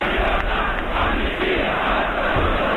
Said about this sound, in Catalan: Amb aquests crits, llibertat, amnistia, estatut d'autonomia, i de fet Ràdio Barcelona va ser l'única emissora en transmetre aquella protesta.